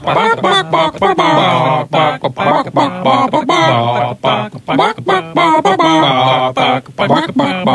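Chickens cluck in the morning in a steady, rhythmic run of pitched notes that trace out a song melody, loud, with only brief gaps between phrases.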